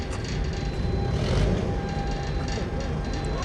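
An early-morning freight train carrying containers loaded the day before at factories in Cao County is pushed slowly into a port, with a steady, heavy low rumble, thin metallic squeals ringing faintly above it and a brief swell in loudness midway.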